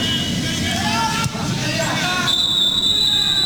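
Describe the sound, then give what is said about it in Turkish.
Referee Sasha Stegeman's final whistle ends the Nations League C match in which Belarus beat Finland 1-0, sounding as a long, steady, shrill blast in the last second, rising over the constant roar and chatter of a stadium crowd. “Sasha Stegeman'dan son düdük sesi geliyor.”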